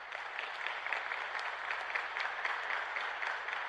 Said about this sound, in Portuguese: Vamos aplaudir, gente.